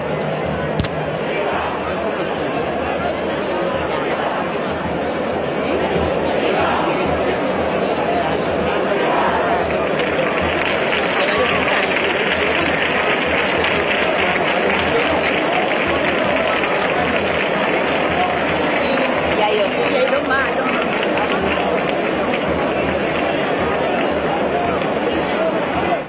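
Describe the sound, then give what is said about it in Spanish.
A large crowd claps and shouts cheers of 'viva' steadily, a dense wash of applause and voices that swells and grows brighter partway through and stays loud to the end, greeting the Emigrantes brotherhood from Huelva. “Ahí quedaban esos aplausos y esos vivas cuando el sacerdote de emigrantes se alzaba”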